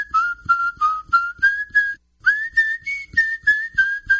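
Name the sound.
human whistling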